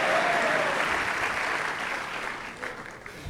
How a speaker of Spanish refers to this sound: Vamos a darle un fuerte aplauso al Rey de Reyes. ¡Oh, queremos más! ¡Queremos más!